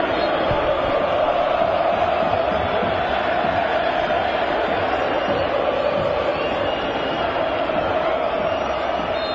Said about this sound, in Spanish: Y la gente, eso que escuchan de fondo, no es Asunción, es la Bahía de San Francisco, que grita por la Albirro.